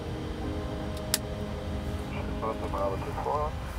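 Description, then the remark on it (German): Steady jet engine rumble and whine as the number two engine of a 75-metre-long aircraft starts up, with a sharp click partway through; toward the end a voice speaks briefly over the droning engine noise. “Engine number two start.”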